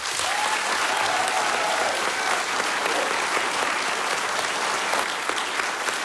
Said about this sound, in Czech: Takhle vám tleská Havlíčku v Brod. Tak takový podkles jsem nikde neměl. Krásný večer, dámy a pánové. A moc vám děkuji. Já vím, že tleskáte hlavně Českému rozhlasu.